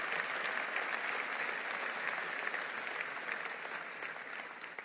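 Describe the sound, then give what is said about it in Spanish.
Sustained audience applause for the Lord, a dense steady wash of many hands clapping at fairly high volume, fading slightly toward the end with no voices standing out. “Vamos, dale un aplauso al Señor fuerte.”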